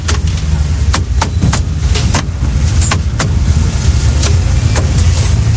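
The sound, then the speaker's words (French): Brake caliper pistons being pushed back into a removed caliper while refitting brake pads, heard as a series of sharp, irregular metallic clicks over a steady low mechanical rumble, fairly loud throughout. “Alors attendez, les pistons qui sont dedans, on regarde. On essaie de rentrer les pistons. De l'autre côté, pareil.”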